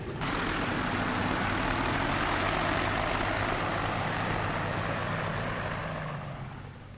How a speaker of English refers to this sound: Think about it, right? You're clambering into this aeroplane. It's night. You're rumbling through the night sky. You know when you land, you're going to be landing in a foreign country, a hostile foreign country, in the dark.